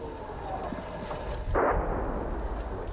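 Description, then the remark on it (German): A grenade explodes in a single heavy, booming blast about halfway through, standing out above a steady low rumble of background noise that continues before and after. “Granate.”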